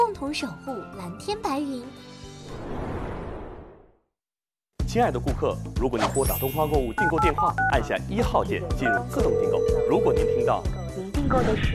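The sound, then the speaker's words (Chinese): Telephone keypad DTMF tones beep briefly as a key is pressed on a call to the Oriental Shopping (东方购物) order line to enter automatic ordering, amid busy talking and background music, with a swooshing noise and a short silent gap partway through. “亲爱的顾客，如果您拨打东方购物订购电话，按下1号键进入自动订购。”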